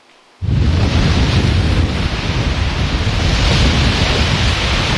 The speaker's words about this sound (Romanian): Pe plaja modernă din Constanța, valurile mării și vântul care a suflat cu putere au creat condiții ideale pentru competiție.